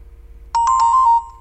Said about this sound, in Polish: No i właśnie tryb powtarzania, jakie są dzwonki alarmu? No, zaraz wam pokażę. Ringtone, fixed ringtones. Mamy taki dźwięk alarmu.